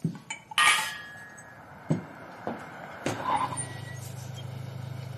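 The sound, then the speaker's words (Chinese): A car carrying a squad of Japanese military police brakes and pulls up outside a courtyard gate, its engine settling into a steady low idle, after a few sharp clinks and knocks like dishes at the start. “这时院门外有汽车刹车的声音”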